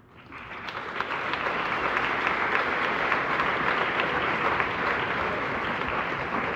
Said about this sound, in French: Eh bien, merci beaucoup. Je pense qu'on peut applaudir chaleureusement l'ensemble du comité de Budapest.